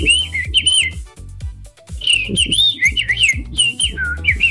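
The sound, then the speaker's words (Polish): A person whistles an imitation of blackbird song: a steady run of fluting, warbling phrases, fairly loud, with soft low thumps underneath and no talking. “żeby zaśpiewał nam kosem o kryzysie ziemniaczanym w Europie, bo słyszeliście, frytki i chipsy będą droższe.”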